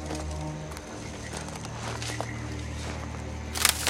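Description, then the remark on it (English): Two people's careful footsteps crunch over the dry, noisy floor of dark woods, a steady shuffle of rustling leaves and twigs with a few sharper crackles near the end, against a low ambient hum. “They move off, treading carefully on the dry, noisy forest floor.”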